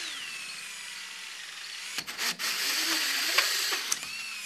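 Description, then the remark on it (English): A power drill whines steadily as a hole saw bores a hole through a piece of scrap wood to make a drill guide, with rough grinding and brief catches partway through, with no one speaking. “Then bore a hole in the scrap wood.”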